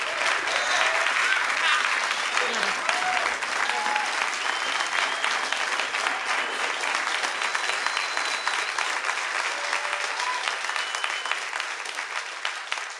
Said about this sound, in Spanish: Son los aplausos del público asistente al concierto que el trío del …, … para el contrabajo, … en batería, ofrecía en la localidad californiana de Santa Cruz el 11 de mayo de 1987